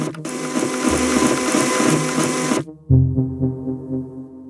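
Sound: printer printing pages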